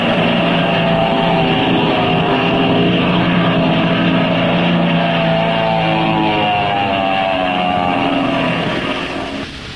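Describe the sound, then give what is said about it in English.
The engine of a black plane roars loudly and continuously as it dives, in the Captain Midnight serial, its droning pitch sliding and shifting, then easing off slightly at the very end. No voices. “That plane is diving on us.”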